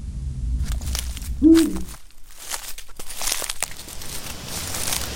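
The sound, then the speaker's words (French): A single deep, short hoot from a Eurasian eagle-owl (grand-duc), one of the largest European raptors, rises briefly over a low rumble in the Bauges, followed by rustling and crinkling noises. “Nous partons à la rencontre du hippou grand-duc, l'un des plus grands rapaces européens”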